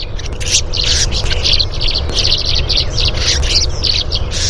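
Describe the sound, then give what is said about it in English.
A tree swallow gives a rapid string of harsh, raspy rasp calls at the bottom of a dive as it approaches a threat, a bluebird near its nest box; each is a short scratchy burst repeating steadily and loudly over a low background rumble. “It's a very harsh note that the tree swallow gives at the bottom of a dive as it approaches the threat.”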